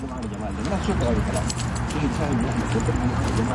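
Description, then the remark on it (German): Keys jingle at the waistband of a man walking across the wide grounds of the National Museum on the bank of the Blue Nile in Khartoum, Sudan, in a steady, loose rhythm, swinging with each step, against a busy, dense background of low rumble and ambient noise. “Wenn er über das weitläufige Gelände am Ufer des Blauen Nils läuft, klimpert es an seinem Hosenbund.”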